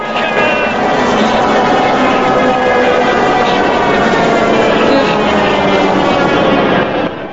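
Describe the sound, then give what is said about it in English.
A loud, steady roar of the Memphis Belle bomber's heavy propeller engines, one pouring smoke, droning continuously with a harsh, straining tone as the plane climbs and straightens up, sustained throughout with no pauses and no speech. “With smoke pouring from the engine, the Memphis Belle straightens up.”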